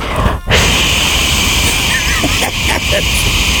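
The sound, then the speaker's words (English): A host makes a loud, harsh wash of white noise over microphones, roaring steadily for several seconds, broken only by a brief dropout near the start, with faint fluttering textures in the hiss. “And I create white noise over the mics.”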